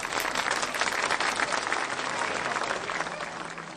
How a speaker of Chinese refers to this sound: 哇，真不错，大家请鼓掌。